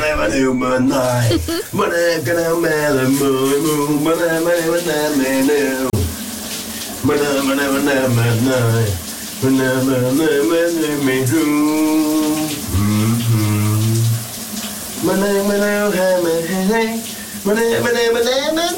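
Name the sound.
shower running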